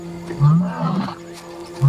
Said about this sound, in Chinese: 公狮阿瑟已经回到卡塔维国家公园。阿瑟不停地呼唤帕奇狮群，流浪公狮此时有所察觉。正值盛年的阿瑟发出阵阵狮吼